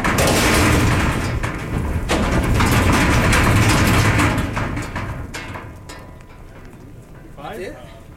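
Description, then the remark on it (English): Newly arrived buffalo run one by one out of a livestock trailer into a corral after its wide doors are pulled open: a loud, rumbling clatter of hooves and heavy thuds with sharp knocks, fading to a quieter rumble, then a brief voice near the end. “Two buffalo boys pull open the wide trailer doors. You guys ready? Sure. And one by one, the new animals come running out.”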